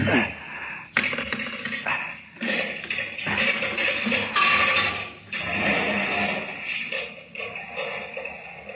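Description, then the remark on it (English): A loose rock fragment dislodged from the edge of a circular pit tumbles and drops into water at the bottom, heard as a few sharp knocks and clatters followed by a broad, hissing splash and lingering watery noise. No one speaks. “Oh, there's a loose fragment of rock just inside the edge. And if I can dislodge it. Listen.”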